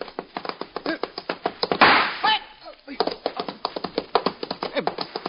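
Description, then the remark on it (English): A musket is knocked aside with a sharp, heavy wooden clatter midway through, set against steady, rapid hoofbeats of a horse ridden by a woman that pause briefly as it jumps a road gate, then resume. “Begging your pardon, sir, why did you knock down me musket?”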